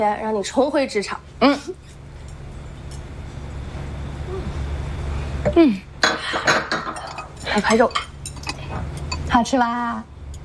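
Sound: glasses clinking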